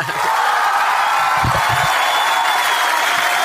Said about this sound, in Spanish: Ponle más aplausos al Turco, dale más aplausos.